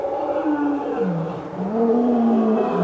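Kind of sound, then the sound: animal, lions roaring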